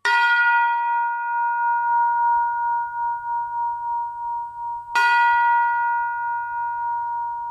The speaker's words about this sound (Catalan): Aquest model de campanes que estan sonant, les sentirem a la Sagrada Família? Sí. Segurament serà el primer model una miqueta més prim o bastant més gruixut, eh?